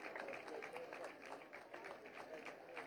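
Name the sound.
audience applause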